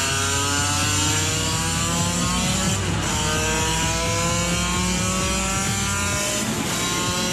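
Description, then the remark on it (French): The engine of a 35-year-old motorcycle revs hard as it is ridden down a straight. Its pitch climbs steadily through several gear changes in a loud, continuous high-pitched whine, with no talking. “Ça n'en finit pas de prendre des tours!”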